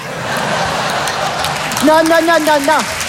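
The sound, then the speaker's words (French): An audience claps in a dense, steady patter, and partway through a single voice cuts in with a drawn-out call over the ongoing applause. “Non, monsieur, dame, n'applaudissez pas, parce que c'est méchant.”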